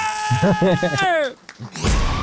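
A loud, drawn-out yell wavers and stretches for about a second before sliding downward, then a brief gap and a sudden burst of noisy sound.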